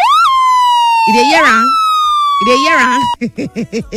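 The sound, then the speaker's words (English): An electronic police or ambulance siren sound effect, played during a traffic report, holds a steady, slowly falling wail while someone talks over it, then breaks into a quick run of short, pulsing bursts near the end. “This one are police, see the ambulance.”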